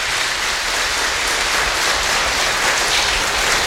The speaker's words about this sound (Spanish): Vamos a regalar a la palabra de Dios un fuerte aplauso por este regalo que nos da el Señor en este día.